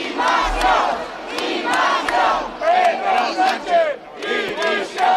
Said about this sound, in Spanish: Gritos de apoyo a Ceuta y también contra el gobierno.